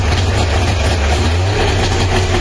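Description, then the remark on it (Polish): An FSO Syrena car, a model FSO began producing in 1972, runs steadily with a loud, low droning engine rumble and a rough, buzzing hiss on top, holding an even pitch throughout with no one speaking. “FSO rozpoczęło produkcję tego samochodu. Poznacie go po dźwięku.”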